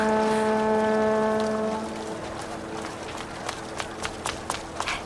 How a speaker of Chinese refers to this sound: 江上来了好几船人